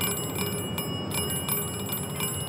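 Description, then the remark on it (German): A bell rings continuously with a bright, metallic sustained tone, struck repeatedly in an uneven rapid rhythm, fairly loud, with no voices. It is the bell of a transmitter-and-receiver ship-detection apparatus on the Rhine bank in Cologne, ringing when a passing ship reflects the emitted waves. “Immer wenn ein Schiff vorbeifährt, werden die ausgesendeten Wellen reflektiert und eine Klingel ertönt.”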